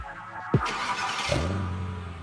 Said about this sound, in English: Is this the sound of a car being driven by an impaired driver? You don't know. The police don't know.